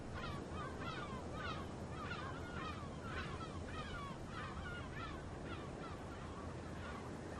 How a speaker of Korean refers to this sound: 북쪽에서 바람이 불면 새로운 손님들도 도착하죠. 흙기러기가 산란지인 시베리아를 떠나 월동지인 바덴의 연안으로 속속 날아듭니다.